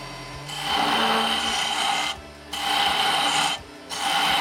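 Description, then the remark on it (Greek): Steady rasping file strokes cutting a groove into wood, three long hissy scrapes separated by short pauses, fairly loud with no talking over them. “Μπορείς να κάνεις και έτσι αυλάκια.”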